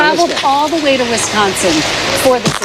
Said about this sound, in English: Esto es justo pisando el micrófono.